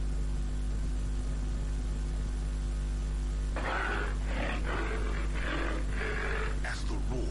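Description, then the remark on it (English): A lion roars in a Radio Nigeria station jingle, a series of deep, rhythmic grunting bursts, five or six in a row, loud over a steady background hiss and hum after a few seconds of quiet. “Lion reverberates across the animal kingdom.”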